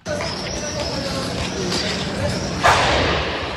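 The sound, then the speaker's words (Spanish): A single sharp explosion of a burning rubbish container bursts out of a steady outdoor roar of fire and street noise on a central street in Pontevedra on a Sunday evening, with muffled voices in the background; the louder rumble lingers after the bang. “Isto é o que escoitaron os veciños de Benito Corval cando ardía un colector de lixo nesta céntrica rúa da cidade.”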